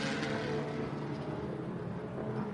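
A race car engine roars loudly and steadily, a dense mechanical rumble with a rising revving edge, as the car, after struggling to fire, pulls away from a pit stop with Tommy Milner driving, with no voices heard.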